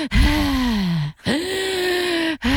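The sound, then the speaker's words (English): A voice imitates a man's heavy panting and breathing with long, drawn-out, groaning gasps, two full breaths and the start of a third, loud, with brief pauses between. “So up he goes in the roof and he's walking past me in the kitchen to and fro and he's panting and he's breathing heavily.”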